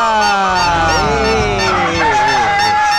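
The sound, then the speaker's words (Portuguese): A person imitates a rooster or hen for the Brincadeira do Galo e da Galinha game on Rádio Araranguá in Araranguá, Brazil: loud rooster and hen calls in an unbroken run of warbling, pitch-bending squawks and clucks that fills the whole stretch without a pause. “Imite um galo. Ou uma galinha.”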